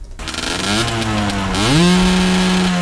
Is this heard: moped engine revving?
yes